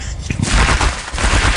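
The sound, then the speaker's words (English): A capercaillie's display song: a loud, rapid run of sharp clicks and popping knocks that crackle together into a dense, rattling burst, with no voices present. “It's still one of my favourite recordings, the Birds of Capercaillie.”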